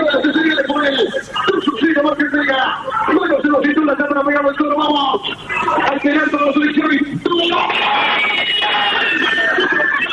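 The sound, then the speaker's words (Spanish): A large crowd of Argentina football fans in the fan zone at Avenida Libertador y Sarmiento, watching on a screen, roars and shouts continuously after Lautaro Martínez's penalty goal, many voices overlapping in a loud, sustained cheer with a thin, phone-like quality that swells toward the end. “Gol de Argentina, lo hizo Lautaro Martínez de penal, y ahí se escuchaban los gritos de la gente en Avenida Libertador y Sarmiento, en la fan zone donde están los hinchas del equipo argentino y el público en general mirando el partido por pantalla”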